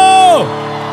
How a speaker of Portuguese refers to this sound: Quem vai beber hoje dá um grito!